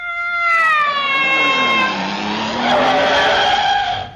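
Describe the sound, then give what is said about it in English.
The tires of a 95-foot-long motor car covered in mink, the delivery truck of the Imperial Ascot Tobacco Company, screech loudly in a long, whining squeal that slides down in pitch, then turns into a rougher, noisier skid before cutting off, with no one speaking. “Heavens, a 95-foot-long motor car covered in mink.”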